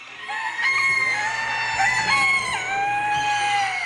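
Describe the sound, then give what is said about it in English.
Several roosters crow at once at a poultry show on a fairground at 6 o'clock on a Saturday morning, their loud, drawn-out calls overlapping into a dense, continuous chorus with a steady low hum beneath; no one speaks. “The birds are awake. It's 6 o'clock on a Saturday morning.”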